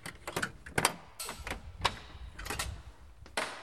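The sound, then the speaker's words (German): A key rattles and turns in the lock of a small neo-Gothic church at Ansitz Kemmerton, then the heavy church door scrapes and creaks open, with sharp metallic clicks and clunks spread over a few seconds, moderately quiet. “Sie haben den Schlüssel schon bereit.”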